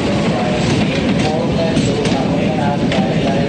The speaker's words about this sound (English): A train travels through snowy mountains. Passengers eagerly lean out the windows.